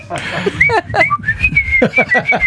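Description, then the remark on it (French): Someone whistles a familiar, bouncy tune, with clear rising and falling notes in a steady rhythm, fairly loud, while voices murmur underneath. “Mon père, il siffle devant notre chambre le matin, mais des airs connus.”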